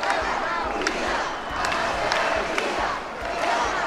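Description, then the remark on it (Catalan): A large rally crowd in the Balearic Islands shouts in favour of Spain and chants against president Pedro Sánchez in a dense, continuous roar of many voices, with a few sharper cries and thumps rising above the steady din. “Els crits en favor d'Espanya, les banderes i els càntics contra el president Pedro Sánchez protagonitzaren la cita.”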